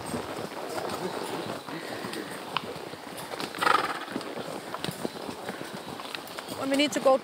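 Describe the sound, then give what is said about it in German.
An Icelandic horse's hooves clatter in a quick, steady rhythm, and the horse whinnies briefly midway, then again near the end. “Mit Pass und Tölt beherrschen Islandpferde zwei Gangarten mehr als andere Rassen.”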